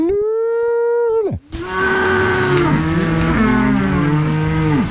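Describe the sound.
On an alpine pasture, a farmer gives a long, steady call imitating a cow's moo, held on one pitch before dropping off, to summon his cattle. Several cows answer, mooing together in overlapping, drawn-out, wavering lows.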